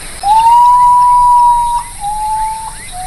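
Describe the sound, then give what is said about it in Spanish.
A common potoo (urutaú), a bird of the Misiones jungle, gives a mournful, steady whistled note that holds for over a second, then a slightly lower second note follows, with faint chirping in the background. “Ahí vamos recorriendo la selva misionera buscando el sonido o el canto de este pajarito llamado Urutaú, que canta así.”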